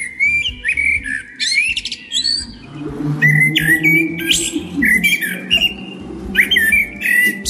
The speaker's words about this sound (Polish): Jeżeli chodzi o konkrety, najbardziej podobał się śpiew kosa.